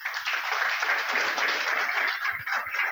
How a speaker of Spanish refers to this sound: Un aplauso para ella.